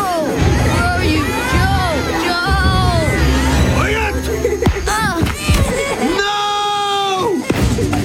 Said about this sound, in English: The kids were screaming.